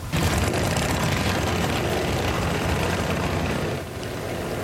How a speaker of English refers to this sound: The day began with a pancake breakfast at Crawford Plains School before the motorcycle tour took off for NISCU.